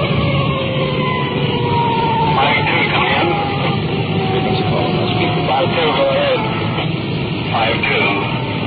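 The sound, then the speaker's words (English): A police patrol car siren wails continuously as the car drives on a code 3 emergency run, its rising and falling tone heard from inside the car over a steady roar of engine and road noise. “We've had in our siren, rolling code 3.”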